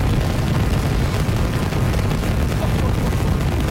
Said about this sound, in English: Oh, they got all the water coming out. Okay. There it goes. Wow. Ignition of Super Heavy. Woo! Holy cow. And a liftoff of Starship Flight 14.